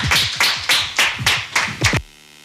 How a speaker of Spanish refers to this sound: Muchísimas gracias y a ustedes también por acompañarnos y un aplauso para nuestros invitados e invitadas.